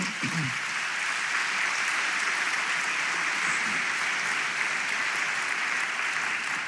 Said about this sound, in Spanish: ¿Cuántos decimos amén? ¿Cuánto le podemos dar una ofrenda de palmas al Señor?